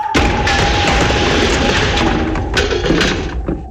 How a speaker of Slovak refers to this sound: Princeznin silný hlas sa rozľahol kráľovstvom, až sa stromy zachveli. Ozvena zalomcovala strechami, oknami, hradbami aj budovami na námestí. Odrazu sa celé kráľovstvo zrútilo ako kulisy v bábkovom divadle.